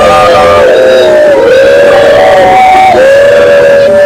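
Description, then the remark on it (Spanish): A loud crowd of fans shouts, jeers and whistles in protest against Jorge Jesus and Pedro Proença, a dense, continuous roar of voices with long, wavering tones that rise and fall throughout. “Escusado estará a dizer, Sara, que ouvem-se bastantes gritos contra JJ e também a Pedro Proença.”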